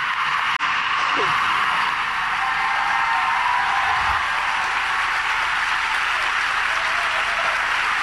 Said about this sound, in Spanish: Ese aplauso que escuchan es la ovación de todos los que están congregados en el Aula Magna.